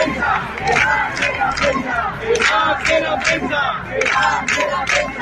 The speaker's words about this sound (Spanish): Esto gritaban hace unos minutos para que dejaran pasar a los medios a documentar el desahucio, porque los han retirado a un cordón policial alejado del portal de la casa.